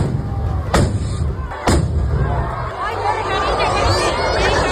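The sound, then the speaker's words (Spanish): Two sharp festival rockets burst about a second apart at the opening chupinazo of the Noáin fiesta in Navarra, Spain, their fuses lit by sparks and exploding on the town hall balcony and over the steady hubbub of a large crowd chattering in the plaza. “Pues era el momento en que las mechas de varios cohetes que se iban a lanzar se han prendido con las chispas de los 2 primeros y han estallado en el balcón del ayuntamiento y sobre la multitud que se congregaba en la plaza.”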